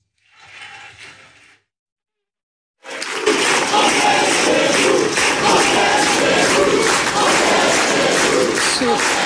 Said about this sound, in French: On est chez nous, crié par la foule face à vous. J'ai quand même dû le réécouter plusieurs fois parce que c'est un cri que l'on entend habituellement dans les meetings du Front National ou aujourd'hui du Rassemblement National.